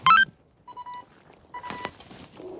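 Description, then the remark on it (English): Police radio beeps as about 20 officers head towards a terraced house on a pitch-black estate: a short, bright electronic chirp, then two steady mid-pitched tones with a pause between them, the second mixed with a rush of static. No one speaks. “The beeps of radios and barking of the next-door dog the only sound.”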